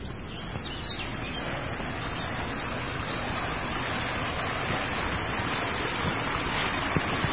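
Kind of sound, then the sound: nature, small waterfall flowing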